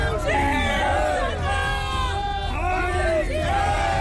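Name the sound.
protest crowd shouting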